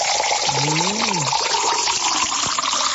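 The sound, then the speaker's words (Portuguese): Water from the Taborda spring is poured into a glass with a steady splashing rush, and a brief rising-and-falling tone rings out early on as the glass fills. “Vamos tomar uma aguinha, vamos?”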